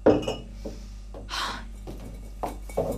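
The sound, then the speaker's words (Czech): Glass bottles clink and knock together as they're handled, a few sharp clinks scattered over a few seconds, with some soft shuffling between them. “Polož ty lahve.”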